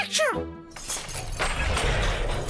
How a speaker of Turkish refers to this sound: Hayır, duvar yıkıldı.